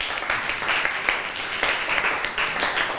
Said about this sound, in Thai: เก่งมากเลยปรบมือให้กลุ่มที่4หน่อย